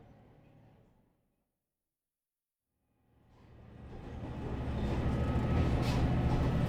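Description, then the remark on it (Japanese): Inside a moving Kumagawa Railway local train bound for Yunomae, Japan, about to arrive at Taragi Station: after a brief faint hum and a pause of silence, the deep rolling noise of the moving railcar swells up and holds steady and loud, with no voices. “まもなく球磨川鉄道湯の前行きの列車は多良木駅に着くところなんですけれども”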